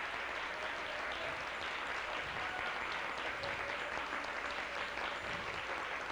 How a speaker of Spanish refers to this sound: Dale un aplauso al rey, un aplauso bien fuerte, bien fuerte, bien fuerte.